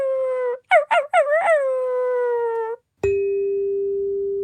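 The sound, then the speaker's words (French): A puppy whines and cries in high, wavering wails, a few quick yelps followed by a long drawn-out whimper, then another steady, sustained cry after a short pause. Fairly loud, no voices. “C'est un bébé chien qui pleure.”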